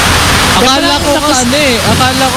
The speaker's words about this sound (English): Umuulan dito na malakas, grabe.